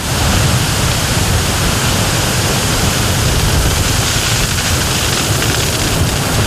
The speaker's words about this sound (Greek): Αυτή τη στιγμή, όπως βλέπετε και εσείς, έχουμε ισχυρούς ανέμους στην περιοχή.